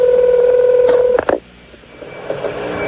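A steady telephone tone holds for about a second, then breaks into a few sharp clicks and brief tone bursts as a number is dialed to call Charles, leaving a quieter line hiss.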